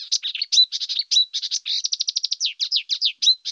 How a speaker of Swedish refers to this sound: så brukar man prata om att kärrsångare då, till exempel, som är en nära släkting till busksångare, är en art som kör i ett räsetempo, mer eller mindre.